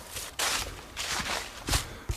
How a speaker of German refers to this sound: Nee, Totenstille. Ja. Außer meine Schritte, die hört man.